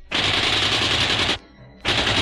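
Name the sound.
gunfire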